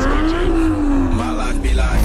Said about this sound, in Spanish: Hay motores que se escuchan.